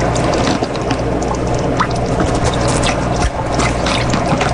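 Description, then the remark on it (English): Wet squelching and gurgling as a turkey baster draws up about 30 milliliters of orange-tinted shrimp water solution from a tank's water chamber, with small clicks and trickles over a steady, dense background noise; no one speaks. “Step two, use turkey baster to remove approximately 30 milliliters of shrimp water solution from water chamber.”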